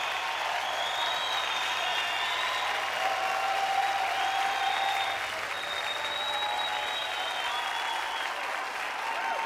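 A large crowd in Uppsala cheers and applauds as Mondo makes a third and final attempt at a world record of 6 meters 28, in a steady, dense roar of clapping and shouting that holds at full strength throughout, with a few higher whistles and voices rising above it.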